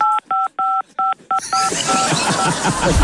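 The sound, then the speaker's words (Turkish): Five quick telephone keypad tones, each a steady two-pitched beep, pressed in an uneven rhythm before a loud broad rushing noise swells up and buries the last fading tone. “Şu an böyle zorla götürülüyorsan falan tuşlara bas, biz anlarız onu.”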